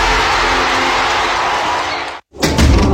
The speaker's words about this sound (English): That little click means more than locking a door. Behind it is your home, your family, the things you've worked hard for, and the people you'd do anything to protect.